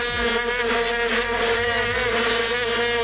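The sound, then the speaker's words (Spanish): Vuvuzela plastic horns drone without a break in the stands of a stadium in Johannesburg on 11 July 2010, a loud, steady, buzzing blare of many horns blending into one harsh, reedy hum like a swarm of bees. “Johannesburgo, 11 de julio de 2010, en las gradas un molesto, pero al que nos acabamos acostumbrando, zumbido permanente que provenía Seguro que lo recuerdan, de aquellas largas trompetas de plástico, las famosas vuvuzelas.”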